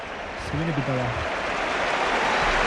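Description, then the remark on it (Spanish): The stadium crowd at Atlético de Madrid's Metropolitano roars and applauds in an ovation for Jonathan David as he is substituted, a steady, dense wash of noise, with a brief tonal voice-like sound rising out of it near the start as the change is announced. “Ovación para Jonathan David.”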